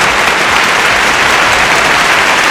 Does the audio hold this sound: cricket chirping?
no